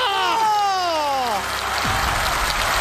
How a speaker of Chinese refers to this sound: 再来一个， 要掌声啊！ 掌声！